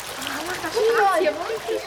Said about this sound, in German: Ein buntes Treiben ist es. Alle Kinder paddeln, planschen und spritzen nach Herzenslust im Nichtschwimmerbecken.